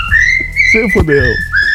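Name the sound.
cockatiel whistling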